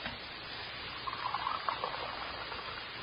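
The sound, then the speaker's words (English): Scalding hot fluid, in which roasted pieces of shale were boiled to dissolve out salts, trickles and pours into glass beakers, a soft, steady gurgling with faint ringing tones rising in the middle, quiet with no voices. “You could steady these glass beakers for me while I pour the fluid off.”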